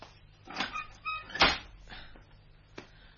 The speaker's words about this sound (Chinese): 我开门啦